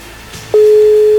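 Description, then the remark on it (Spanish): A steady telephone ringback tone of a phone call starts about halfway through, loud, holding one even pitch after a quiet stretch of faint background noise. “Dijimos cuatro tonos, ¿verdad?”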